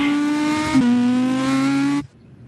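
Jean-Louis Lesser's number 10 rally car accelerates hard from the start, its engine roaring loudly, holding a steady, buzzing high pitch with a brief stutter early on, then cutting off abruptly after about two seconds. No voices.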